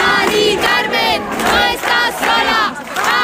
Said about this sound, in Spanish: arropada también por los gritos de cientos de ciudadanos en la calle.